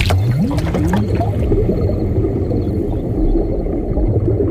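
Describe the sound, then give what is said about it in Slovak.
Muffled underwater gurgling and bubbling as a person sinks and drowns, with a low rumbling wash and a few rising warbly tones early on, then a steady murky churn continuing alone throughout. “Voda ma ťahá na dno. V pľúcach už nemám ani trocha vzduchu.”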